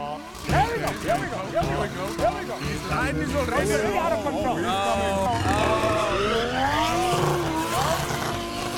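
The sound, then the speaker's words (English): A car engine revs steadily while tires squeal and skid in repeated rising and falling whines as the car is driven to knock over as many bins as possible, loud and continuous for several seconds, with a murmur of voices mixed underneath. “Oh, you've got to knock over as many bins as you can. So, hop in your car.”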